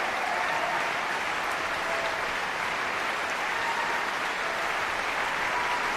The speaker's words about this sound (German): Applaus für diese großartige Leistung. Applaus auch für die jungen Sänger der Knabenkantorei Basel, für den Frauenchor des Gesangsvereins, die von den Emporen des Musiksaals des Stadtcasinos aus gesungen haben.